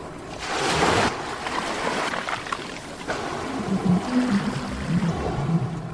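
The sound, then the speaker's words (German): Ocean surf sounds played from a machine wash in a broad, rushing roar, swelling early on, while low, drawn-out whale calls moan and wobble beneath the waves in the second half. No one speaks. “Sofort von der Maschine heraus begann das angenehme Rauschen der Meereswelle mit entspannenden Stimmen von Walen zu klingen.”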